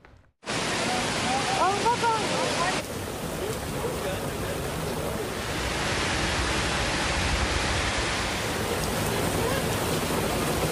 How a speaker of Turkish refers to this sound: Kavurucu sıcakların ardından gökyüzünü yağmur bulutları kapladı. Bir anda bastıran sağanak İstanbullulara zor anlar yaşattı. AKOM ve meteorolojinin uyarılarının ardından İstanbul'da beklenen yağış sabah saatlerinden itibaren etkili oldu.